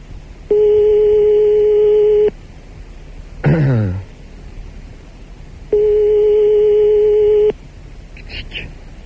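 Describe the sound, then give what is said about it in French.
A telephone ringback tone sounds twice on the line, each a long steady electronic beep of about two seconds separated by a silent pause, with a brief throat-clearing noise in between. “Attention, ça sonne. Ça doit. C'est parti, sonnerie de téléphone.”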